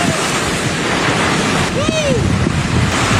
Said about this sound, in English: A newscaster is now going viral after being smashed by a huge wave while he was reporting on Hurricane Lowell. Yeah, here's Mike Seidel getting hit by the water just before going on the air.